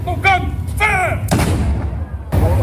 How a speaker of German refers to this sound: Um 12 Uhr wird übrigens in dem oberen Baracca-Garten ein Kanonenschuss abgefeuert.